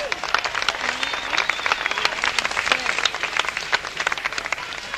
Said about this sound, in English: It's nice to see black and white together on a very important day. Isn't that beautiful? Give a clap for yourselves.